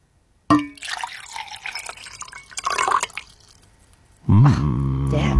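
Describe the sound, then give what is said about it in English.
Water pours into a glass for about four seconds, a steady splashing trickle that rises and thins before stopping, followed by a voice speaking. “All right, I'm going to pour a liquid.”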